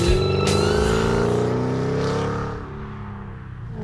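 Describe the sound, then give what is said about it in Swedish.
A car engine revs loudly, its pitch sweeping upward in a sustained roar with rich harmonic growl, then easing off into a lower idle rumble near the end. “Man tyckte ju de här som åkte upp och ner på avenyn var lite så här, det är lite tunt i sällan, måste bilen låta.”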